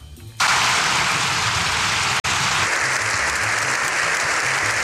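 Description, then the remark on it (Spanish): A dense, sustained wash of applause from a large crowd in Spain's Congress of Deputies, an ovation for the Pope after his speech that lasted seven minutes and two seconds. It starts abruptly and holds steady and loud throughout, with a brief dropout partway through and no talking. “Siete minutos y dos segundos de aplausos sin interrupción es lo que duró la ovación al Papa tras el discurso.”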